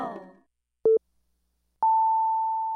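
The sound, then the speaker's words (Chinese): A brief burst of voice fades out, then a short electronic telephone beep sounds, followed after a pause by a steady, sustained phone line tone of an incoming call to the Happy Greater Taipei 89.3 radio show, holding clearly to the end. “来电话 来朋友哦，你久等一下哈。”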